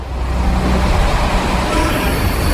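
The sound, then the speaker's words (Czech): A yellow motorized universal maintenance trolley rumbles steadily through a metro tunnel while the electricity is switched off, used by technicians to transport machines; its engine is a loud, continuous low drone with broad hiss on top, unbroken throughout, with no voices. “Když pracovníci v metru vypnou elektřinu, běžné soupravy nahradí motorové univerzální vozíky, takzvané MUVky.”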